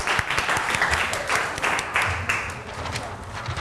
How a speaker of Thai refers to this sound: ขอเสียงปรบมือให้กลุ่มที่3นะครับ